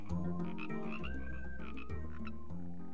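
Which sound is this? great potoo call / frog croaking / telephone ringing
frog croaking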